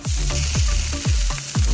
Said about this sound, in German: Wir brutzeln vor uns hin.